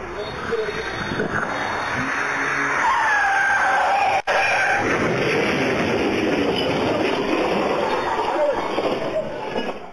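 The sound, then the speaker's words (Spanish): Security camera audio from San Luis Río Colorado, Sonora: a car travelling at high speed loses control, its tires squealing in a skid over a loud, rough roar of engine and road noise, before it crashes into a pole and overturns; there is a brief cut in the middle. “El auto que circulaba a alta velocidad perdió el control. Se estrelló contra un poste y terminó volcado.”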